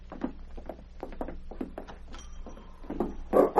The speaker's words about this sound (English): Your dog's trying to get in, lady. Oh, will you let him in as you leave?